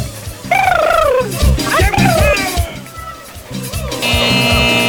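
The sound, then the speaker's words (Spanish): A human voice imitates a turkey's gobble: a loud, warbling burst of rapid wavering calls lasting about two seconds, followed by quieter background sounds. “¡Llega el pavo!”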